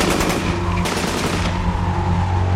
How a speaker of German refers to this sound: Charkow, 1941. Hinter der Ostfront. Legt an! Und Feuer!